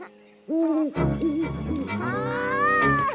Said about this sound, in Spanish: ¿Qué fue eso? Hay un búho en Sonny Patch. ¿Un búho? ¿Dónde?